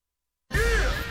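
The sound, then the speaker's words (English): A single loud, harsh crow caw bursts in abruptly after a moment of silence, with a deep rumbling undertone beneath the call. “What's that sound? This is the show that has two crows and a cup of Joe.”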